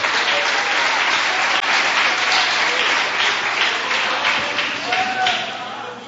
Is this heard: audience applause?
yes